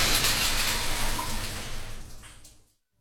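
A steady rush of shower water runs for almost three seconds, a dense hiss that gradually thins and then stops abruptly, leaving silence.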